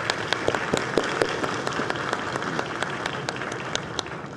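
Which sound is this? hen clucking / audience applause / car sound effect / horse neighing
audience applause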